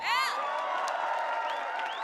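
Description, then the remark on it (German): A concert crowd at Popfest applauds and cheers steadily for the festival crew, with a burst of high whoops and whistles at the start and scattered shouts over a continuous wash of clapping. “Applaus!”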